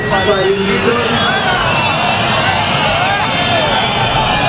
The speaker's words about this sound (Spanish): Este es el abucheo que esta semana hemos escuchado varias veces, porque es llamativo. Marlaska fue a Abaza, el momento en el que los nuevos guardias civiles de una nueva promoción juraban.